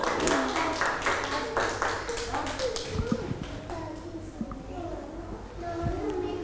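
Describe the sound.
A group of Thai children claps their hands, at their teacher's request, for a classmate showing a play-dough zoo with a giraffe; a quick, uneven burst for the first few seconds, then the clapping thins out as young voices chatter and squeal in the background.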